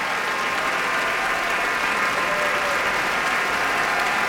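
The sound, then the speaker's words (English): Sustained, dense applause from a large audience at a Metropolitan Opera curtain call, a steady wash of clapping hands with no pauses, loud throughout. “And Isabel Leonard is applauding him.”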